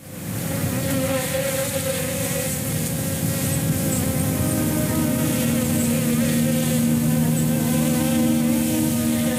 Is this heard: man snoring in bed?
no